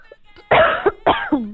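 Two forceful coughs in quick succession, each a harsh burst trailing into a brief voiced rasp, with a slightly wet, phlegmy edge.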